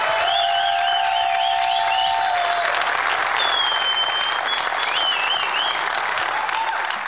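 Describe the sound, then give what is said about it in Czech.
A large audience applauds steadily and loudly throughout, welcoming cross-country skier and biathlete Simona Bubeničková, triple silver medalist at the Milan Cortina Paralympic Games: a dense wash of clapping with faint cheering, while a few high whistle-like tones glide above the noise. “pojďme prosím úplně všichni, kdo jste sem za námi přišli, a koukám, že vás je docela dost, velkým potleskem přivítat běžkyni na lyžích a biatlonistku, trojnásobnou stříbrnou medailistku z paralympijských her v Miláně a Cortině Simonu Bubeničkovou.”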